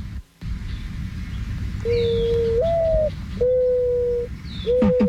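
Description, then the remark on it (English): A mourning dove coos in soft, hollow, drawn-out notes, the first sliding upward, followed by steady sustained hoots, over a low rumble of background noise with faint bird chirps. “Let's listen to the mourning dove.”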